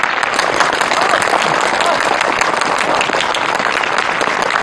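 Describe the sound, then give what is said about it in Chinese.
A crowd applauds loudly and steadily to welcome honored guests, dense clapping from many hands at an even level for several seconds without letting up. “是啊， 大家鼓掌。”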